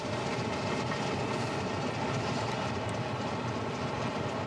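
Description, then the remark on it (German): A steam train in northern Italy, on a railway enthusiasts' tour, rolls steadily along the rails, a dense, continuous low rumble with faint rattling on top, holding the same loudness throughout with no voices. “Ihr Motto: Grande amore, il treno a vapore.”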